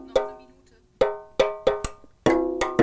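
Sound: drumming on tin cans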